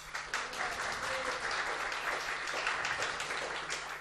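A crowd applauds steadily, a dense wash of many hands clapping at once with no pauses, holding an even, moderately loud level from start to finish: the audience at a conference hosted by the Albi media library (médiathèque d'Albi).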